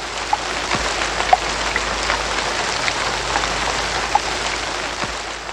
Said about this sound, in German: Sogar der Himmel färbte sich trüb. Graue Wolken zogen auf und es regnete tagelang.